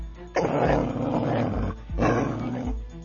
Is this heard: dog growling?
yes